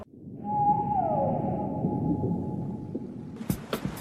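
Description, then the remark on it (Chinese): A long, steady whistle tone, blown on a boat at sea, holds for about three seconds over a low rumble of engine and water, dipping briefly early on, followed by a few sharp knocks at the end; East Asian finless porpoises surface at the whistle. “哨声响起，这群水中精灵探出脑袋，自在地徜徉在茫茫大海，人与山海相拥相守。”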